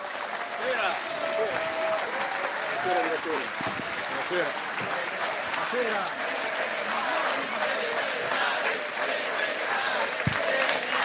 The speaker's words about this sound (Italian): L'applauso tenetelo adesso, signori e signori, ladies and gentlemen, ecco, Alessandro, generale Sallusti. Roberto Vannacci.